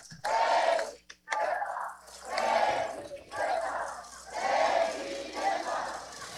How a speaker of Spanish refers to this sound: Un aplauso para la doctora Claudia Sheinbaum, un aplauso fuerte. Y todos, ¡presidenta!